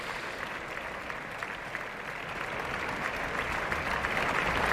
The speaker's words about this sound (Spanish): Abandonan el escenario todos los cantantes del reparto y ya van cesando los aplausos.